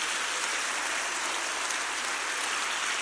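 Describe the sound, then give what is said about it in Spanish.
An audience applauds the Lord steadily, a dense, unbroken wash of many hands clapping for the full three seconds, with no voices rising above it. “Ponga su Biblia por favor a un lado por un segundo, o ahí en sus piernas donde pueda, y regálele un aplauso al Señor, un aplauso fuerte.”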